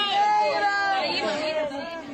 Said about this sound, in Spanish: Y queremos terminar con un llanto. El de este recién nacido que ha venido al mundo entre las ruinas de un edificio.